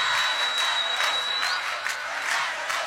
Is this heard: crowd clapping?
yes